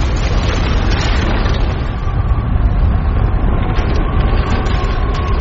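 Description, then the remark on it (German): A deep, steady rumble of a heavy earthquake shaking the mountains at Mount Horeb roars without pause, heavy in the low end with a grinding, noisy texture and no voices. “Da grollte es dumpf im Erdinnern und Elia suchte an der Felswand Halt. Ein schweres Erdbeben erschütterte die Berge, doch der Herr war nicht im Erdbeben.”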